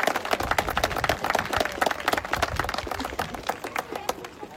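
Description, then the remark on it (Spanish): A crowd at a community event held by the pro-construction committee of an official grandstand applauds the group's members with dense, irregular clapping that keeps up steadily for several seconds, then thins out slightly toward the end. “Les voy a pedir fuertes aplausos para mis integrantes, por favor.”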